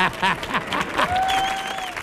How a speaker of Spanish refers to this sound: Fuerte el aplauso